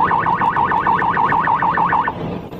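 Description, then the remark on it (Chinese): A police car siren wails in a fast, steady electronic yelp as the car speeds at nearly 160 km/h on the Wukui section of the Lianhuo Expressway in Xinjiang, China, around 7 pm; its high tone rises and falls rapidly over a constant rumble of road noise before cutting off abruptly near the end. “3月28日晚上7点左右，一辆警车急速行驶在连霍高速新疆乌奎段。”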